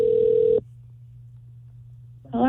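An outgoing call rings over the phone line: one steady ringback tone cuts off, followed by a quiet, humming pause before a voice starts answering at the very end.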